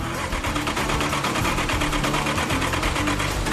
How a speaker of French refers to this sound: Pour la première fois depuis deux décennies, ce moteur construit à la main s'ébroue.